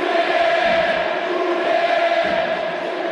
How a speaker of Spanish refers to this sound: Es cierto, no fue muy esquinado el remate de Barbona, pero muy bien el uruguayo que se lleva la ovación de la gente. Como otras épocas. Escuchá.